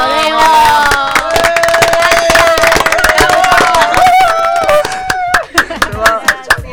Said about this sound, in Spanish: un aplauso.